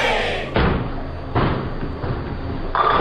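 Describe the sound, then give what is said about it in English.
A bowling ball smashes into the pins at a bowling alley, knocking all the pins down with a loud, clattering crash, followed by rattling tumbles and another sharp burst of pins scattering near the end. “Captain, Roy just knocked all the pins down.”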